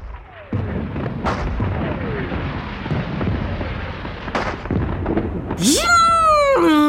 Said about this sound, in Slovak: Žunk! Žunk! Vírilo vo vzduchu Katarínske koleso. Bum! Bum! Vyletela rímska svieca. Blesk a tresk a ťap a frnk! Navôkol sa roztancovali petardy a bengálske ohne zafarbili všetko na šarlátovo.